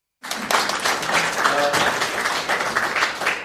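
A crowd breaks into steady applause, a dense wash of many hands clapping at once that carries on evenly for a few seconds, with faint voices mixed in underneath.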